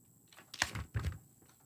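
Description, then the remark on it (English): Quiet clicks and plastic clatter of pens and school supplies being handled and sorted by a 10-year-old girl getting ready for her new school, with two brief bursts of rattling. “10-year-old Ellie is sorting through her supplies, getting ready for her new school.”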